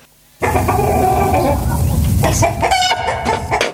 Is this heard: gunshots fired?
no